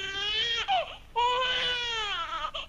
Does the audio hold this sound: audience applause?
no